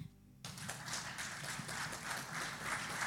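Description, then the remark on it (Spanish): After a brief low hum, a church audience bursts into sustained applause for the Lord, a dense, steady wash of many hands clapping together that stays loud and even until the end. “Le pone un aplauso al Señor.”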